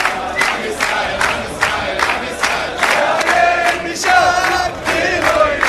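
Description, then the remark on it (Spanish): A large crowd shouts and chants calls to erase and wipe out Palestine in loud, rhythmic bursts, many voices pulsing together in repeated phrases with a dense, sustained roar throughout. “¿Y sabés qué le gritan? Hay que borrar, arrasar con Palestina.”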